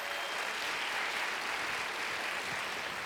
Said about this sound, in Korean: 다시 한번 큰 박수 보내주시죠.